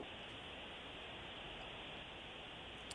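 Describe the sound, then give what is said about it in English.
A dense, steady hiss of heavy rain pours down without letup, a continuous even wash of sound with no voices and no distinct drops standing out. “Is it raining where you guys are at? It is pouring.”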